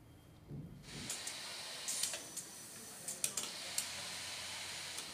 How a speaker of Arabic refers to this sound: هدير هذه المكنات مهدد بالصمت، وصمودها بوجه طوفان المستوردات العنيف قد لا يطول.